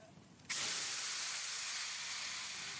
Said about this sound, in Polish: Syk jest gwałtowny. Para uderza w twarz. Żelazo twardnieje.